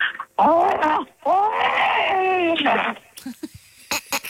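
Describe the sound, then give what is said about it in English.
Someone from Lake Haven imitates Chewbacca with two loud, drawn-out warbling howls, the second longer and rising then falling in pitch, followed by a few faint clicks and rustles. “let's hear Lake Haven's finest Chewbacca sound effects.”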